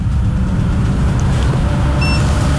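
A heavy truck, a semi-trailer tractor unit, rumbles past, a loud, steady low engine drone filling the whole moment, with a brief high-pitched whine near the end and no one talking.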